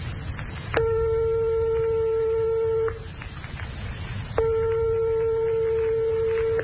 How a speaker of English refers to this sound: But suppose we strike two tones 1/100th of a tone apart, like this.